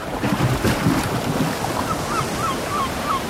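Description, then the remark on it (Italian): Sea waves wash steadily onto the shore in a continuous, fairly loud rushing roar, with faint, brief bird calls chirping during the second half. “Lo senti? È il richiamo del mare.”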